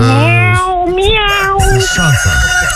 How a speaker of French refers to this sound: Miaou, miaou. C'est chiant, ça. Miaou.